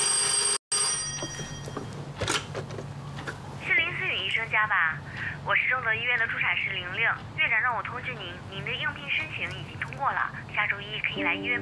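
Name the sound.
telephone ringing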